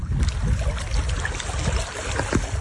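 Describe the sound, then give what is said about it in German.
Water laps and sloshes steadily around gravestones of a former cemetery at a low-water reservoir in southern Bohemia, Czechia, a continuous wash of small splashes and low burbling with no one speaking. “Wasser umspült Grabsteine am Liebnow-Stausee im Süden Tschechiens.”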